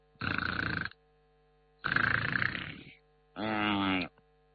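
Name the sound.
voice imitating snoring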